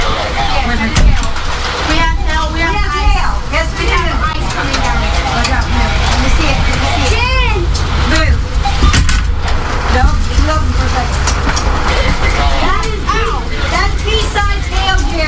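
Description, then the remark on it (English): Pea-sized to dime-sized hail pelts down in a dense, steady clatter of sharp impacts, loud throughout, with voices talking over the noise, during a severe thunderstorm warning in Marion County, Ohio. “All right, first of all, that's hail. That's hail.”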